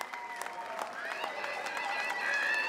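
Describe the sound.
Villagers of Weihers cheer and applaud as their village enters the Guinness Book of Records after 24 hours, steady clapping mixed with raised, excited voices shouting and whooping, growing slightly louder toward the end.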